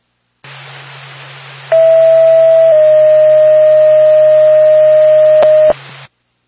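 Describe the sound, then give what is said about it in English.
A NORPAC ambulance dispatch alert tone for the Lancaster Ambulance: a loud, steady electronic beep that steps once to a slightly different pitch and holds for about four seconds over radio hiss, then cuts off abruptly. “NORPAC, the Lancaster Ambulance, stand by for tone.”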